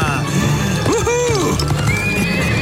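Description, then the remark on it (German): A grey horse (Schimmel) being ridden whinnies loudly, its rising-and-falling neigh ringing out over a steady clip-clop of hooves, with other sounds of movement underneath. “Oh, so ist gut. Feines Pferd.”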